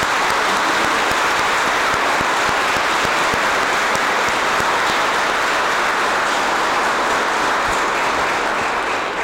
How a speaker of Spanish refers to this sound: así que le damos un aplauso de agradecimiento porque han venido.